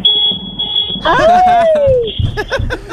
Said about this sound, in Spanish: Pero dile que te cambien la bocinita esa. La bocina de Finger, andan un tropo con bocina de Finger. Eso es lo único que me dieron.